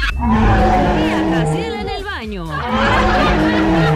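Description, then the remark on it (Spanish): A calf's moo, apparently imitated by a human voice of an operator known for animal sounds: one wavering, drawn-out bleat that bends downward midway, heard over a loud, busy backdrop of music and chatter. “el único operador que tiene más de 54,000 sonidos de animales, incluyendo... ¡Un perrito! ¡Un becerro! ¡Un changuito!”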